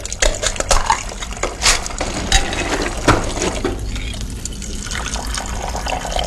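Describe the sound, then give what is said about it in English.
Gasoline leaking from a car pours steadily into an old gallon container, a continuous splashing gush with a few sharp knocks and clinks early on, settling into a smoother, even flow until the container is full. “Look at it pour.”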